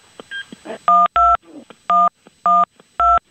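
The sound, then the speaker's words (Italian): A telephone number is dialed on a touch-tone phone to call the local police: five loud, steady two-tone beeps at an uneven pace, preceded by a few soft clicks and rustles from handling the receiver. “Ora hanno composto il numero”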